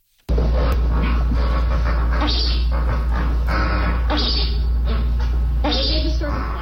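A flock of a few dozen flamingos, huddled in a bathroom at Zoo World in Florida during Hurricane Isaias, chuckles and grunts together in a dense, overlapping chatter of low, nasal calls, steady and loud throughout, over a constant deep hum.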